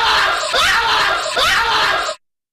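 A loud scream sound effect, with shrill, strained cries rising in two or three overlapping surges before cutting off abruptly into silence.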